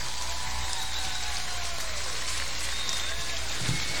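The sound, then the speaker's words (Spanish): A crowd at a show in Santa Fe applauds loudly and steadily as a performer is introduced: a dense crackle of many hands clapping that holds an even level for about four seconds, with no voices standing out. “Un aplauso para la mejor, Virginia Tora. Un aplauso bien fuerte.”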